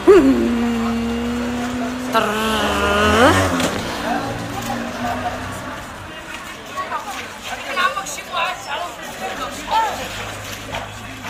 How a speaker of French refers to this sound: À l'ancienne médina. Il y a beaucoup de motos. La première chose que j'aime pas, c'est les mobilettes.